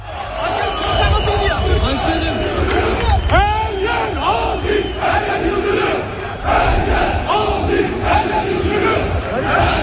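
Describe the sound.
A large crowd chants Fenerbahçe slogans, "Her yer Aziz, her yer Yıldırım", after the Fenerbahçe presidential election. The chant is loud and in rhythmic unison, voices rising and falling together in a dense, echoing roar that fills the whole stretch.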